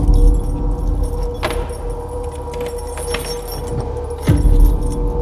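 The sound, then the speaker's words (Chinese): Keys jingle and clink as someone fumbles with the lock of a tenant's rented room, number 204, with a sharper metallic click and clatter near the end as the door is unlocked; no one speaks. “开门。”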